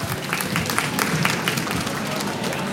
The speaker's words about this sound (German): Dann schicken wir dich einfach mit einem lauten Applaus von der Bühne.